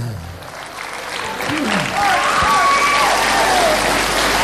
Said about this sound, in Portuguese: Vamos bater palmas para o José Mota.